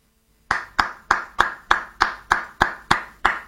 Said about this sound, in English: Wait, I'm not supposed to applaud that? I'm not supposed to.